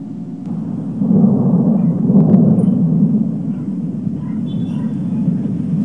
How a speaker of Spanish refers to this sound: La tarde y noche de este martes se registró una tormenta eléctrica inusual, la cual duró cerca de 2 horas. Los estruendos se oyeron por toda la ciudad y también las descargas eléctricas aparecían constantemente y con fuerza en Taxco.